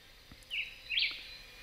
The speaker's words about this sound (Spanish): Y en ese juego de agilidad sonora aparece en escena el vireo bigotudo, nombre científico Vireo altilocus. Es un pequeño pájaro de aspecto modesto que pasa fácilmente desapercibido a la vista, pero no al oído. Aquí está cantando de fondo.